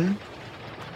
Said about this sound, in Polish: A przy okazji sobie zrobiłem tak bardzo takie fajne, atmosferyczne tło. No właśnie, deszcz na dachu.